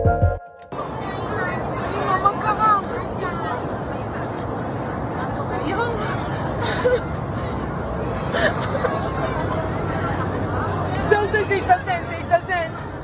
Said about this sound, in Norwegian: Sådan her lød det i går, da der pludselig opstod tumult på et fly på vej mod Israel. Flyet det var egentlig på vej fra Dubai til Tel Aviv, men måtte omdirigeres efter, at flyet havde afsendt et nødsignal.